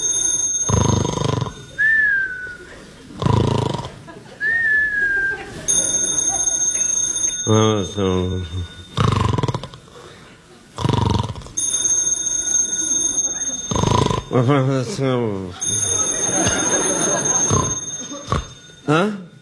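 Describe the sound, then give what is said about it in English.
A telephone rings at 4 o'clock in the morning in a house in Beverly Hills, in several bright, repeated electronic bursts, fairly loud, with a person talking in between the rings and a faint whistled tone early on. “The phone. It's a phone.”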